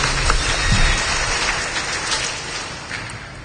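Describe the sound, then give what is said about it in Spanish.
A parish audience claps together for Christ Jesus in thanksgiving for new families, a dense, steady wash of applause lasting a few seconds, loud at first and gradually tapering off slightly, with no voices over it. “A ellos, hermanos, démosle fuertes palmas a Cristo Jesús en acción de gracias por estos hermanos.”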